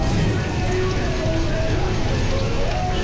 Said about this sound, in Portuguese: Chuva caindo.